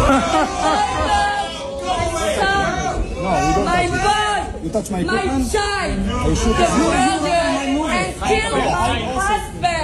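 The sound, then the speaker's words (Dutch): The audience in a crowded hall in Delft erupts in overlapping shouting and jeering, many voices calling out at once in a loud, sustained din from start to finish. “Ja, het publiek begint in de zaal te roepen en te joelen.”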